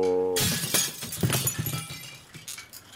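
A loud crash of a shed's glass panes shattering as something crashes through them, a broad bright burst followed by scattered tinkling shards and debris settling over about two seconds.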